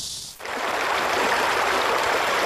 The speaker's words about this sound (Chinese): 木质的水阁下，河水流淌，流水人家在桨声当中送走了一个个寒来暑往，连绵数公里连缀成了一幅秀美的风景画。